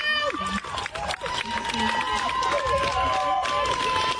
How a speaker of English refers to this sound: First of all, these are female protesters applauding her defense attorney and thanking him.